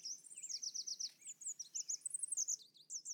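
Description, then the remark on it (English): A red warbler sings on a clear, sunny morning, a rapid, high-pitched warbling song of quick repeated chirps and trills, continuous, with a faint low background hum and no talking. “During the breeding season, between February and May, they happily sing on sunny mornings.”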